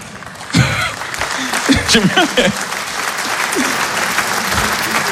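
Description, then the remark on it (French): An audience applauds with a steady, dense wash of clapping that lasts the whole stretch, while a few voices call out over it in the first half. “Il y a des gens qui applaudissent comme s'ils militaient.”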